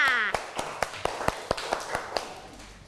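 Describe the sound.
Children clap for a classmate at their teacher's call: steady, evenly spaced hand claps, about a dozen in quick rhythm, moderately loud, with a brief voice at the very start.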